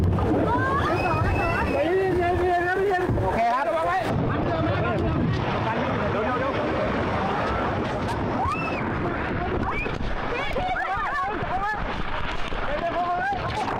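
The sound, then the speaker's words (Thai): A police rescue team's boat pushes through floodwater in Chachoengsao province, Thailand, to help flood victims, with steady loud churning and sloshing throughout, while several people shout and talk excitedly over the noise. “ค่ะขยับมาดูกันที่จังหวัดฉะเชิงเทราค่ะคุณผู้ชม ครับ เรามาดูนาทีระทึกที่เกิดขึ้นกับเรือที่เข้าช่วยเหลือผู้ประสบภัยกันหน่อยค่ะไปดูวินาทีนี้กันค่ะ”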